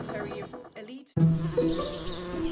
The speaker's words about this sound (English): What's buzzing here isn't electricity, it's tiny bees. Rapid urbanization is threatening India's key pollinators.